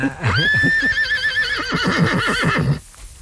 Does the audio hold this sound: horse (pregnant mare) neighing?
yes